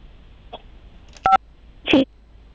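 A single short telephone keypad beep, a clean dual tone from pressing the 5 key to rate a customer service call, followed shortly by a brief throaty burst like a small cough, over a quiet line.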